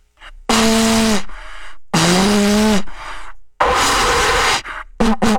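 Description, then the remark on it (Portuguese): A corneta (horn) blown in loud, breathy blasts by someone struggling to play it: two long wavering low notes, then a noisier rasping blow, and a couple of short sputtering toots at the end. No one speaks. “Tô aqui soprando feito um louco.”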